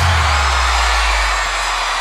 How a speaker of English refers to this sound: Bring in the crowd.